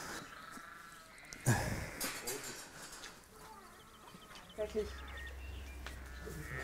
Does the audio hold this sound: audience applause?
no